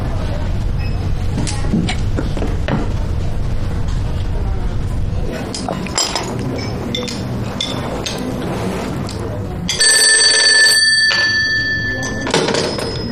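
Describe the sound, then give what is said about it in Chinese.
A telephone rings in one loud, continuous burst of about three seconds, cutting through a busy, rumbling background of train station noise with faint indistinct voices. “科长，那人来电话了，说让现在去发帽子，发吗？”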